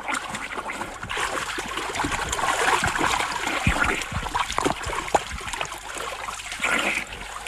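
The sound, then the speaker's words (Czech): Continuous watery splashing and sloshing of someone swimming through a river, with irregular bursts of spray and trickling over a steady wash of water noise. “Už k vám plavu.”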